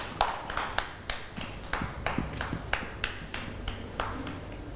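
Children in a class clap for a classmate at the teacher's request, a steady run of sharp, bright claps, about a dozen spread evenly over several seconds, at moderate loudness with no talking.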